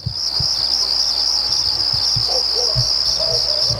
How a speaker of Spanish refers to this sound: Subime los grillos, a ver.